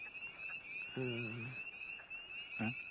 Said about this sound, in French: Donc, crapaud d'Amérique.